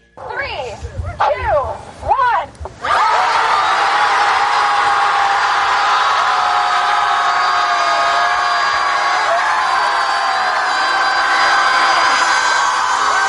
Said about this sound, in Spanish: O sea, el desahogo era gritarle al océano.